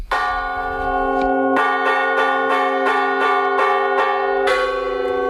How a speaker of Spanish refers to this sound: Las campanas de la Iglesia de Las Médulas llamando a fuego han puesto la banda sonora a esta jornada reivindicativa. También se escucharon el 10 de agosto del año pasado en el pueblo de Médulas.